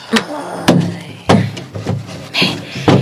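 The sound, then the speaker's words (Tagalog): Several wooden clunks and knocks, about half a second apart, with brief scraping and sliding between them, as a jewelry box is put back into a drawer. “Ay, ang iyang jewelry box, iuli ko ni sa drawer, ah.”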